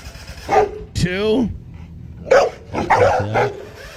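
A dog barks several times in short, irregular bursts, including one higher, drawn-out yelp, loud against a low background rumble, as its owner chases it.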